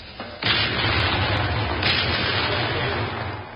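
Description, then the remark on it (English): Artillery guns of the 74th Medium, RA, firing over open sights into a great steaming Christmas pudding: a sudden heavy blast opens into a sustained, loud rumbling roar, with a second sharp boom breaking through partway, and no voices. “And there you hear the 74th medium lifting RA firing over open sights smack into the pudding itself.”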